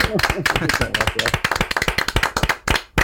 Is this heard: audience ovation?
yes